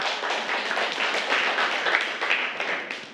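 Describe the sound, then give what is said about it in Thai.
A group of children in a class clap for a classmate who answered well, a dense, steady patter of quick overlapping claps that holds for about three seconds and then trails off slightly at the end. “รดน้ำต้นไม้นะคะเก่งมากอ่ะปรบมือให้เพื่อน”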